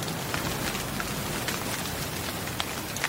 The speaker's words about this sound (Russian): Ой, какой дождь! Так и не погуляли.